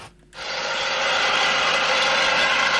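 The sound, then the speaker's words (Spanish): A tractor's diesel engine starts up abruptly after a brief quiet moment, then runs as a loud, steady, rasping roar with no pauses or voices. “Ari chaypi maquinaria y mami tractor ya.”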